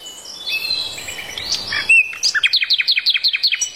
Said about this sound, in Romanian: Cerul e senin. Cântă păsările. E primăvară.